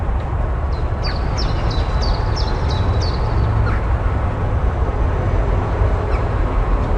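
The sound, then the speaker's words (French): A bird calls in a quick series of about seven sharp, high chirps over a few seconds, set against a steady low rumble of surrounding city noise that continues throughout. “Ah, le calme, le petit chant des oiseaux. Est-ce que c'est le greppe joue gris?”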